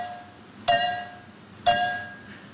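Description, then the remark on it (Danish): Two glasses, holding 314 and 395 milliliters, are clinked together on a German game show: two bright clinks about a second apart, each ringing with a clear sustained tone that slowly fades, with no talking. “Ja, det her klip er altså fra et tysk gameshow, og jeg havde ikke troet, at jeg skulle sige det, men han er simpelthen blevet slået nu af en tysk pige, der simpelthen kan høre, hvor mange milliliter der er i to glas, der bliver stødt sammen.”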